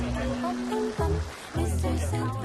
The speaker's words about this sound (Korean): 그러는 사이 보글보글 맛있는 소리가 들립니다.